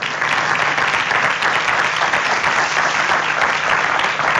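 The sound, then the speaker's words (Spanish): Sustained audience applause, a dense steady wash of many hands clapping at a constant loud level for several seconds, with no voices standing out. “A ver, aquí un aplauso también para ellos, por favor.”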